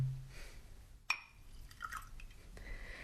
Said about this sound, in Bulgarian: Чашата е празна, сипете ми вино.